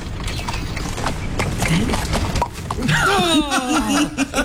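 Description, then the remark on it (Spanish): A voice imitates a donkey's hooves pulling a carriage with quick tongue clicks in a steady clip-clop rhythm, fairly loud, followed by a drawn-out, wavering vocal sound. “Empieza a hacer con la boca.”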